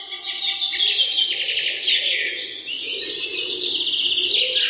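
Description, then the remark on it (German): Several birds chirp and twitter close by in the morning light among trees, a dense, continuous chorus of bright high trills overlapping throughout with no pauses and no voices. “Das Morgenlicht schien zwischen den Blättern der Bäume hindurch und man hörte das nahe Zwitschern einiger Vögel.”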